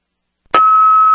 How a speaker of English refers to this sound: Do you only get just the tones, no voice? Affirmative, tones only.